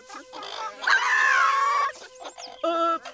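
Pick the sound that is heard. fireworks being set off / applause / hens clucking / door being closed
hens clucking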